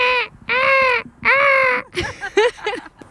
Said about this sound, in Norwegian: Bølgeskvulp og måkeskrik.